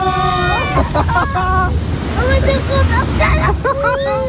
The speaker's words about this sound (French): Moi, je sens une cascade. Waouh!